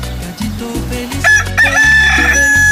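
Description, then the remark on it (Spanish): A rooster, the early-rising rooster of San Cristóbal, lets out a loud, drawn-out crow over a rhythmic music bed with a thumping bass line, the call rising sharply partway through and holding to the end. “¡Qué chulo de precioso canta mi gallo!”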